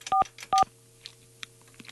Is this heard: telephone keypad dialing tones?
yes